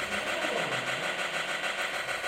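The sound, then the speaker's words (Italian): A synthesized noise channel imitates an exhaust muffler: a steady, gritty hiss-rumble with a fast fluttering pulse, held continuously at even loudness with no voices. “Ok, e poi avevo detto anche che ho cercato di simulare col canale del noise il rumore di una marmitta, che è questo.”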